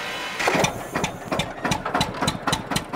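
A tractor engine in Horb am Neckar catches and starts up, then settles into a loud, steady idle with rhythmic chugging pulses repeating several times a second. No one speaks.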